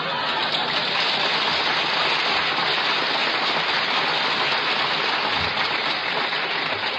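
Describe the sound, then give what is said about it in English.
A large audience claps in a dense, steady wash of applause that holds at an even, fairly loud level for several seconds without breaks or voices. “Now your mother's applause.”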